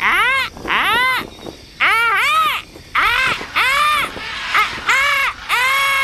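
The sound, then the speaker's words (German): Dense jungle ambience dominated by loud, repeated frog calls, each a rich, rising-and-falling croaking note arriving in quick irregular succession over a soft, steady background hiss, with no talking. “Und im nächsten Augenblick hat das Fernrohr sie auch schon in den dichten Dschungel gebracht.”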